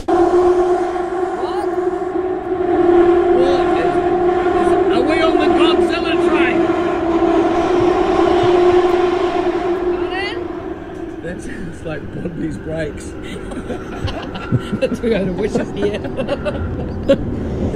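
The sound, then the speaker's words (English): An underground train screeches loudly, metal grinding on metal in a tunnel, a steady piercing squeal for about ten seconds before it gives way to rumbling and clattering wheels. “It's like, you know, when metal scrapes metal and I felt the sides of the train were hitting the tunnel.”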